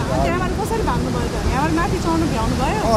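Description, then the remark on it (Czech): A steady, loud roar of a still-flooded river fills the scene without letup, while several people standing a little way from the river talk over the constant churning noise. “Jak David říkal, přivezl sebou z hor spoustu natočeného materiálu, mimo jiné zachytil lidi stojící kousek od stále ještě rozvodněné řeky.”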